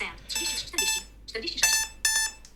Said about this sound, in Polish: No i teraz mamy tutaj dzwonki. No i tak, podstawowy taki. Może podgłoszę jeszcze.